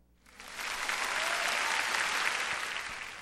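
A crowd bursts into steady applause, a dense wash of clapping that swells within half a second and holds at a full, even level for about three seconds with no voices.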